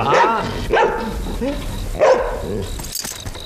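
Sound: dog barking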